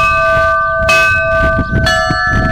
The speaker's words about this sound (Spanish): Y así han sonado las campanas en Lerín, Pamplona, para que pudieran seguir el eclipse las personas con discapacidad visual.